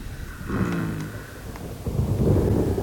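Deep rolling thunder of an approaching storm rumbles continuously, swelling louder toward the end, with a low, heavy roar and no voices present.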